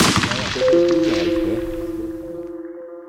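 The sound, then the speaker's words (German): A loud rifle shot, fired to test the ammunition, rings out and fades over a couple of seconds into a long echoing tail, with a sustained metallic ringing tone hanging over the decay. “Ich wollte mal testen, was die Munition gut ist, damit ich bei Verkaufsverhandlungen dann.”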